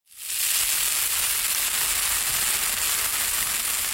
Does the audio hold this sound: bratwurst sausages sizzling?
yes